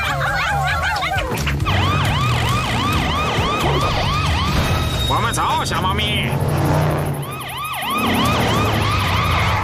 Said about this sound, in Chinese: 激光警报器还开着，我们及时赶到了。